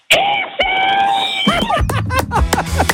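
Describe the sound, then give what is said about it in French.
A woman lets out a long, piercing scream at full volume, with a brief break for breath, then trails into excited voices and laughter-like shouts nearby. “Mets dans la clôture et je veux que tu hurles le plus fort possible.”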